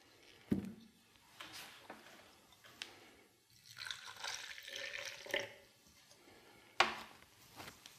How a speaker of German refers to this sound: Jetzt kommt das Wasser dazu.